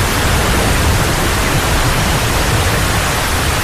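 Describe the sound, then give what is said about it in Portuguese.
Heavy, torrential rain pours down in a dense, unbroken roar of hiss, steady and loud for the whole stretch with no voices or pauses; the rain floods the rural areas around Lisbon, such as Loures, Odivelas, Vila Franca de Xira and Arruda dos Vinhos, on the night of 25 to 26 November 1967. “Em poucas horas, a chuva torrencial inunda as zonas rurais que circundam Lisboa.”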